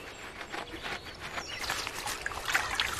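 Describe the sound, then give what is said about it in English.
River water trickles and babbles steadily over stones, a continuous flow with bright splashy flickers and no voices. “Now, let's travel over to a river to meet some builders who can reshape an entire valley, the Beaver People.”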